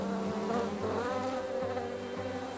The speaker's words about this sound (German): Das Nahrungsangebot ist einzigartig. Über 100 verschiedene Pflanzen fliegen die Bienen an.